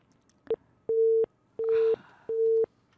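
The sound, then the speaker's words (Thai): A telephone busy tone after a caller's line dropped during a radio phone-in programme: steady beeps of a single pitch, each lasting about a third of a second with equal gaps, fairly loud, with a faint burst of noise partway through. “หลุดไปอีกแล้วไม่เป็นไรครับหลุดไปก็โทรใหม่ได้ครับ”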